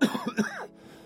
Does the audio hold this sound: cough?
yes